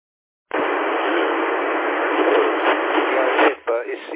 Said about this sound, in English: Aren't you hearing that signal? It's very noisy. I can barely bear it in my ears, let alone understand it.